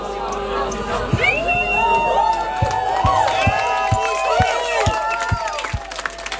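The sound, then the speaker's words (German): A crowd cheers and whoops with many overlapping high voices, joined partway through by a steady run of loud rhythmic thumps or claps, roughly two per second. “Applaus an euch.”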